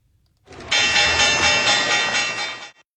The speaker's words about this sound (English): But first, the opening bell.